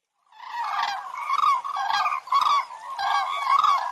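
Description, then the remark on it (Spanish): A flock of 15 cranes in V formation trumpets in flight over the Kazaj River gorge by Sagmosavank monastery, Armenia: many loud, rolling, overlapping calls blending into a continuous chorus of resonant bugling notes that pulse in waves for a few seconds, with no voices. “¡Inconfundibles! Son las grullas.”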